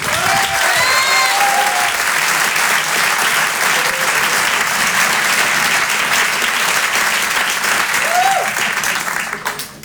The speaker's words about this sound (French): On va accueillir maintenant une comédienne qui commence à avoir un très beau parcours derrière elle. Je vous demande de l'applaudir elle aussi très fort. Voici Élodie Poux.